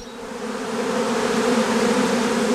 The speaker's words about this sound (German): Hier rechts von mir sind jetzt einige Honigbienenvölker aufgestellt